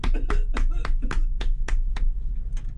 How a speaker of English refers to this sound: Round of applause for our studio band. Yeah! Round of applause for our live studio audience.